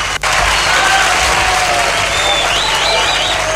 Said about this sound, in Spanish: El aplauso para Sportivo Luqueño Playa.